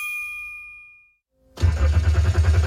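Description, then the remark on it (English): A bright chime rings and fades, then after a short pause a car engine cranks loudly, churning rhythmically without catching. No one speaks. “The engine might not start now, but your car could still be a fresh start for at-risk boys at Road Heaver Boys Ranch.”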